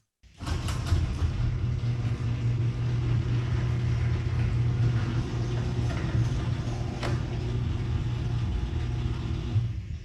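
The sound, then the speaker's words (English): A garage door on ten premium nylon rollers, driven by an AC motor, runs for about ten seconds: a steady, low motorized hum with a smooth rolling drone and a slight motor buzz, a few light clicks at the start and one faint tick midway, no voices. “But Jerry, play what my garage door sounds like now with the 10 premium nylon rollers.”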